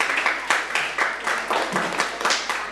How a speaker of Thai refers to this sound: ถูกต้องครับเก่งมากๆเลยปรบมือเพื่อนดังๆได้เลยครับ